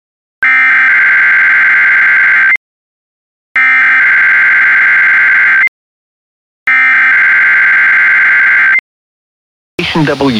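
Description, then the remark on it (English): A weather radio warning alarm, used during dangerous weather to automatically activate special receivers, sounds three times, each a loud, steady, piercing tone about two seconds long with short silent gaps between. A voice begins speaking right after the third tone. “WXL46's warning alarm systems.”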